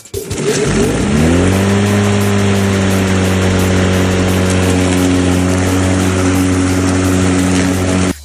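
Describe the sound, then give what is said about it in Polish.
A lawn mower engine catches and revs up in the first second, then settles into a loud, steady droning hum that runs without a break until the end. “Ale weź puść jeszcze raz tę kosiarkę.”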